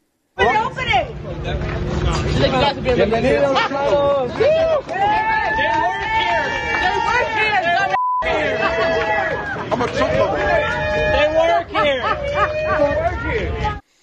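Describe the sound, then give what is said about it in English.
A large crowd of protesters at an ICE facility cheers and shouts together for people they assume are released illegal immigrants, many overlapping voices rising and falling in a loud, continuous roar that fills the whole stretch, with a brief cut near the middle. “So the crowd started to cheer them, assuming they were illegal immigrants.”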